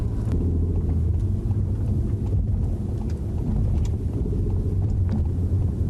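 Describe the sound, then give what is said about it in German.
Continuous low, droning rumble of a car driving along a city road and passing a traffic light on green, engine and tyre noise holding steady and fairly loud throughout, with no one talking. “Und da war schon die erste Ampel, die wir bei Grün überfahren haben.”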